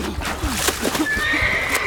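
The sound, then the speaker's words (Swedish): A horse caught in a river whinnies shrilly and urgently, its high, strained call sliding and wavering over a rushing, noisy background, loud. “Hästen, Jonathan! Du måste rädda hästen!”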